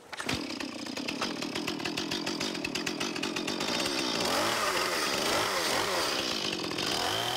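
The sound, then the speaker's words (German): A chainsaw, its chain fitted the wrong way round, starts up and runs steadily, its engine buzzing loudly with rapid rhythmic pulses, then revving and wavering in pitch as the throttle rises and falls. “im Umgang mit der Kettensäge.”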